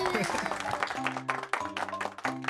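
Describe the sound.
An audience applauds steadily for a couple of seconds, a dense wash of many hands clapping at once, with a low sustained tone and some voices underneath.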